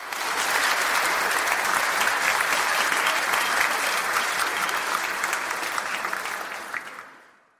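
Sustained, dense audience applause, loud and steady with many overlapping claps, holding for about seven seconds before tapering off quickly at the end.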